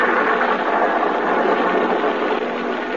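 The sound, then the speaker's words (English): A car engine hums in a steady, unbroken drone, holding an even, fairly loud level for the whole stretch with no voices over it, as the car travels a lonely country road at night. “Another night, a lonely country road, a car.”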